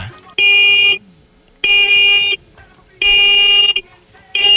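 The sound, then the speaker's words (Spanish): Four medium-length honks from a Volkswagen Beetle car horn, loud, evenly spaced with short gaps between them. The buzzy, steady tone repeats, and the last honk is cut off at the end. “Va, muñeco, regálame cuatro bocinazos medianitos ahora.”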